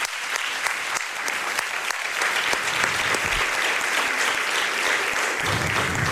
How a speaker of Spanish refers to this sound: Un aplauso para Pedro, muy bonito.